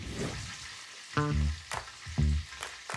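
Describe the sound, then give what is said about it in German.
Food sizzles steadily in a frying pan at home in Winsen an der Lohe as a woman cooks, with a couple of sharp ringing clanks of a utensil against the pan partway through. No one speaks. “Zu Hause in Winsen an der Lohe ist Stefans Frau Samfi für das Essen zuständig. Sie kauft ein und kocht”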